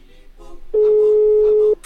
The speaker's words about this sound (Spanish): Ahí está timbrando, ahí está timbrando.